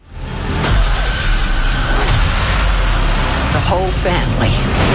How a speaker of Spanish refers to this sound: Ahora sí, Evil Dead en Llamas, esa película que están escuchando ustedes ahorita, película de terror